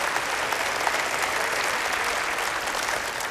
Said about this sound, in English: Go ahead, clap your hands again. That's right.